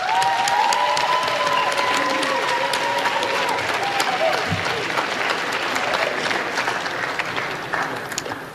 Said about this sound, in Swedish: Det är en stor ära för mig att stå här idag och framföra vår gemensamma tacksamhet till all fantastisk personal på skolan och vår trygga skolledning. Ge dem en stor varm applåd.